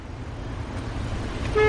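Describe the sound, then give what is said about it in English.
Low, steady rumble of traffic stuck in a jam and not moving, then a car horn blares loudly near the end, cutting in sharply over the road noise. No one speaks. “This traffic is not moving, and I'm stuck.”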